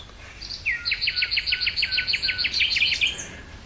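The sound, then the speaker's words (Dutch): A bird sings a rapid, rhythmic trill of about fifteen evenly spaced bright notes lasting a few seconds, clear over a faint low background hum, with no voices, in the evening under a starry sky in Lloret de Mar. “Ook prachtige vogels te horen.”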